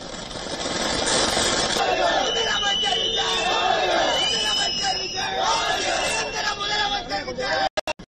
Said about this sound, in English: Shortly after Vijay's oath, TVK workers erupted in celebration, with many seen bursting firecrackers and distributing sweets in Madurai.